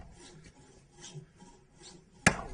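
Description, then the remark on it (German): A hand saw rasps through wood in slow, steady back-and-forth strokes, about three of them, followed by a sudden sharp crack near the end. No one speaks. “Also beim Sägen, da weiß man, da gibt es noch eins, durchsägen und das nächste nehmen.”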